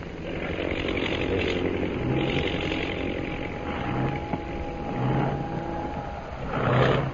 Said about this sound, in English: That plane in center of formation. Oh, yeah. Is dropping out of line and circling for a landing.